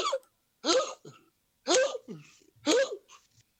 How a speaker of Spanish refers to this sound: Zafa, Tirando un hipo con tos. Sí, parece.